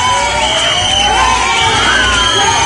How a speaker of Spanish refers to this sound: Y fuera, los abucheos no cesaron.